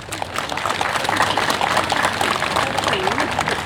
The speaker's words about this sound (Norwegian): Og jeg med min stolte sjørøversønn her. Ser dere han vokst litt her? Skal vi gi han en skikkelig applaus?